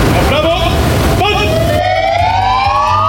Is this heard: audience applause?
no